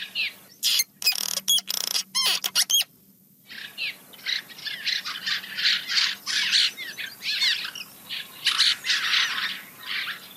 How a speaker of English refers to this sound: That's beautiful. That's really a colony that we hear there. Okay, so that is the cliff swallow.